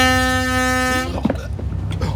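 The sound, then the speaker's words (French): A single loud, sustained ship's horn blast with a deep, rich harmonic tone, sounded as the ship heads straight for fishermen and turns to starboard, lasting about a second before cutting off, followed by a brief clatter and murmuring voices. “Un simple coup de sirène et la barre à tribord.”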